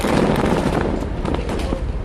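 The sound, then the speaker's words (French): A massive controlled demolition blast set off by the Israeli army with 1,100 tonnes of explosives at Ali Taher in southern Lebanon roars continuously and loudly, a dense thunderous rumble with crackling, popping bursts running through it from start to finish. “D'abord un immense flash de lumière, une longue ligne de flammes qui s'élève et un bruit assourdissant.”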